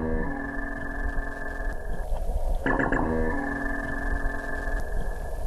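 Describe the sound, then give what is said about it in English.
A dwarf minke whale vocalizes underwater in the Gold Coast Seaway: sustained buzzing, metallic tonal layers with a burst of rapid pulsed, mechanical-sounding chirps midway, fairly loud and continuous, with no one talking. “They make a Star Wars sound, so says myself and Chloe, a bit like this.”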